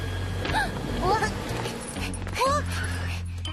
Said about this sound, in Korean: 그 멍멍이다.